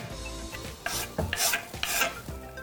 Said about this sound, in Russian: Смесь чеснока и имбиря я отправляю в нашу воду. Она уже закипела.